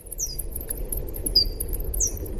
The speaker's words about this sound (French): Et moi, je voulais écouter donc un son d'écholocation parce qu'elles font ces petits ultrasons pour se repérer dans l'espace. Et donc Gaëlle, qui est à la technique, va nous passer un son d'écholocation.